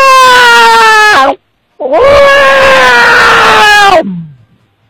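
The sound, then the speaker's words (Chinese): A person's voice mimics a wild cat's yowl in two loud, drawn-out wails, the second longer and straining before sliding down and trailing off, with a brief pause between them. “来个野猫， 哇”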